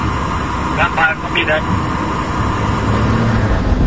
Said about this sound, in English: Two drones right side of the road.